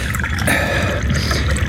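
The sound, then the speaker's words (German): A steady stream of tea is poured into a cup for a guest, a continuous trickling splash with a faint rising ring, with no voices. “Gießen Sie unserem Gast doch bitte Tee ein.”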